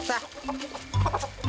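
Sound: chickens clucking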